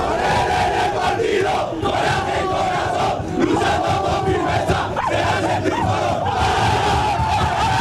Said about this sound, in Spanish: ¡Vaya locura del vestuario del Málaga! Creo que era Dani Sánchez el último que daba ese grito de aliento.